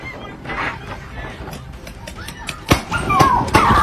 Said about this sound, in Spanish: Y en Filadelfia, una madre vivió la peor pesadilla de su vida cuando su hijo fue atacado por dos enormes perros Rottweiler.